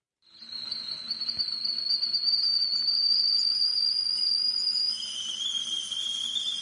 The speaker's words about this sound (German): Tja, ein Geräusch, das vielleicht viele als Wintergeräusch einstufen würden, aber mein Teekessel pfeift auch an solchen heißen Tagen wie heute, denn da trinke ich besonders gern warmen oder lauwarmen Tee